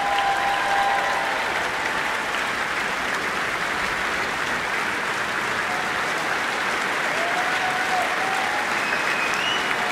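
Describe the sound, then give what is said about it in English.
Sustained, dense applause from the audience at the Royal Albert Hall after a programme performed by the Fantasia Orchestra and the BBC Singers, a steady wash of clapping at an even level throughout with no talking over it. “Well, the crowd here at the Royal Albert Hall clearly loved that programme.”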